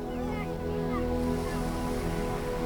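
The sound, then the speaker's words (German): Soft, steady rushing of sea waves, a continuous gentle wash with no clear breaks, fairly quiet, with a faint tonal hum underneath, heard from a path through the dunes leading to the beach. “Und man hört schon hier leise das Meer rauschen.”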